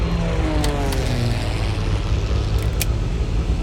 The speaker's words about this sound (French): Le boucan d'enfer que tu entends, c'est un Twin Otter, un petit avion à spatule pour se poser sur la glace. Il a décollé il y a 2 heures de Resolute Bay, un village inuit situé tout au nord du Canada.